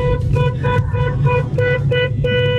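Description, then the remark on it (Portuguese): A car horn honks over and over in quick, rhythmic blasts in the street, loud, with a low engine rumble running underneath. “A Rose só buzinando, vai.”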